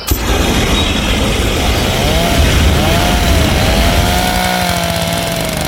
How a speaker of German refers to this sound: Alles stinkt nach Essig und verbranntem Pflanzenmaterial und überall schrebbeln Hochdruckreiniger und Rasenmäher in den Gärten.